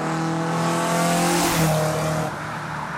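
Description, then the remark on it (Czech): A loud racing car roars past at speed during a car race, its engine whine holding steady and then dropping sharply in pitch as it passes and speeds away, with no voices. “Známe to, myslím, velmi dobře třeba ze zvuku při rychlých průjezdech aut, při automobilových závodech.”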